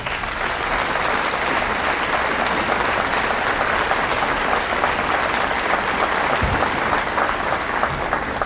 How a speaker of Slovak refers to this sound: A myslím si, že to je jubileum, ktoré si rozhodne zaslúži váš potlesk.